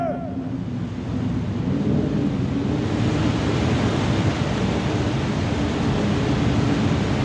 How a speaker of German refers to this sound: Odysseus! Das Meer bebt! Sieh die Wellen! Das Meer tut sich auf!